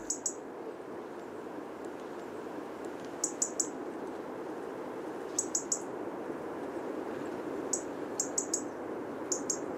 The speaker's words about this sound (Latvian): Jo sarkanrīklītes sauciens ir tādi tikšķi, kas atgādina zaru laušanu, sīku zariņu laušanu krūmos.